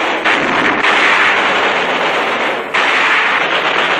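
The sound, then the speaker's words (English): Loud explosive blasting roars continuously as an anti-aircraft tower is blasted during a United States Navy air raid on Mindanao, Philippines, a dense wall of noise with a couple of brief dips, mixed with what sounds like heavy gunfire. No voices. “An anti-aircraft tower is blasted.”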